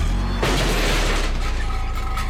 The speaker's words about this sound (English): The sound of a car backing into a garbage can.